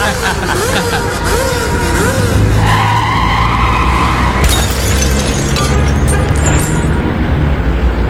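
A motorcycle engine roars loudly as it accelerates, with screeching tire skids wavering over a constant roar of engine noise that runs for several seconds.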